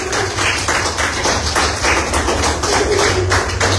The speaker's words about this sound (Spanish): Un aplauso fuerte a la palabra del Señor. Fuerte el aplauso. Fuerte el aplauso a la palabra del Señor.